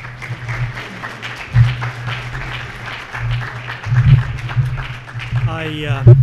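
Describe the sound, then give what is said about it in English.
An audience applauds steadily for several seconds to welcome a speaker before his talk, a dense patter of many hands clapping, with a low hum underneath and a voice starting to speak as the clapping fades at the end. “I like this tradition of getting a little applause before you start.”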